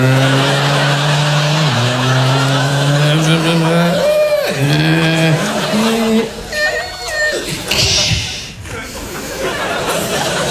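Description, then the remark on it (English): A voice mimics a racing car, with revving engine drones rising and falling in pitch, then screeching skid and tire-squeal effects, loud throughout. “And they do car noises about me.”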